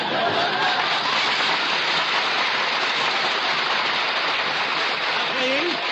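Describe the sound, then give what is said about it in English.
A crowd applauds steadily for several seconds, a dense, even wash of clapping that holds its loudness throughout, with a faint voice or laugh surfacing near the end. “Please, don't applaud.”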